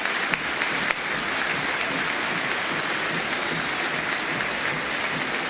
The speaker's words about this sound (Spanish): Y otra vez el aplauso es merecido, y otra vez el aplauso califica. Porque Angelito Correa no solamente es la figura de este por ahora River 2 Vélez 1, sino que es el mejor partido de Angelito Correa desde que volvió al fútbol argentino.